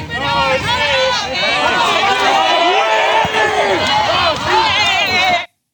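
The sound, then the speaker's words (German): A crowd shouts aggressively, many overlapping raised voices, including shouts of "Kamera!" aimed at journalists, forming a loud, sustained roar of angry cries and chanting that holds steady for several seconds before cutting off abruptly. “Wir haben hier gesehen, wie schnell das eskaliert ist, wie plötzlich aggressive Rufe aus dieser Masse zu hören waren.”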